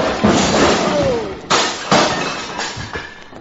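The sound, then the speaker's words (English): A loud, noisy crash of a man, knocked out in a fistfight, hitting a bar and knocking over bourbon bottles, followed by several sharp clattering impacts spaced unevenly over a few seconds as things tumble and break. “The way you're hitting him, he's going to fall against the bar and upset those beautiful bottles...”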